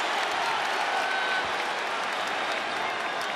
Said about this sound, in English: Second turnover to San Antonio. That ignites the crowd.